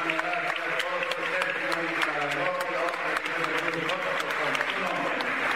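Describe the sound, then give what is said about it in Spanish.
A church audience applauds for the Lord Jesus, a dense and continuous patter of many hands clapping at an even, fairly loud level throughout, with voices mixed faintly into the crowd noise. “Aplausos para el Señor Jesús.”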